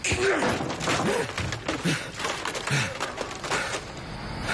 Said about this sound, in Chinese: 就你刚才砸坏的那个，可是我花了十几万做的未来商业综合体的立体沙盘呢